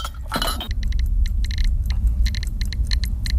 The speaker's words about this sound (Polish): No, jest gadanie licznika geigerowskiego, czyli rzeczywiście te budziki świeciły.